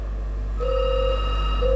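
A telephone rings as a listener calls in to a morning radio programme, a steady electronic tone with harmonics sounding twice in a row, clear over a low background hum, with no talking.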